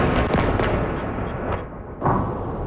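Heavy explosions from an overnight Russian aerial attack with missiles and drones on Kyiv, Ukraine, boom through a continuous roar, several sharp blasts in quick succession followed by a fresh loud burst near the end, with no voices.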